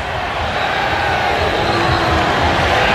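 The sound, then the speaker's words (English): A stadium crowd at a football game roars steadily for a few seconds, a loud, dense wash of many voices cheering and booing at once, with no single voice standing out, as Kentucky fans in a corner shout a blue-white cheer and other fans drown it out with boos. “Yeah, that contingent of Kentucky fans over in the corner getting loud with a blue-white cheer, and fans finally took notice of it and drowned it with some booze.”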